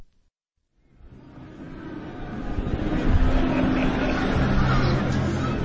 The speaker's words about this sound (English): The Piazza Maggiore, Bologna, early on a Sunday afternoon. Listen carefully. Beyond the sound of the motorbikes, the boisterous conversation, the merry squeals of children chasing the pigeons. Listen, and you can hear the soundtrack to daily life.